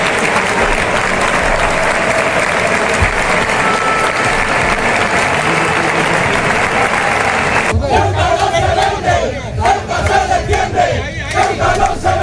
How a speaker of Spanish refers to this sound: Así estaban los ánimos de la afición ceutí y un cántico que luego secundó también la afición mallorquinista.